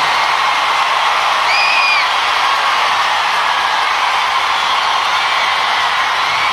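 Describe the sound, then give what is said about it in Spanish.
A crowd applauds loudly and steadily throughout, clapping blended into a dense roar with cheers, and a brief shrill whistle rises above it partway through, given as a loud round of applause for a friend named Koalo. “Den un aplauso fuerte a nuestro amigo Koalo.”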